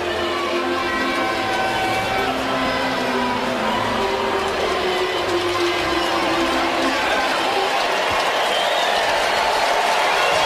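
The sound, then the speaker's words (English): A steady, loud wash of crowd noise from a big baseball crowd on a Tuesday night in Chicago fills the whole stretch, with broad murmuring chatter and scattered whistles and shouts rising above a dense, continuous roar. “Still a big crowd on a Tuesday night in Chicago.”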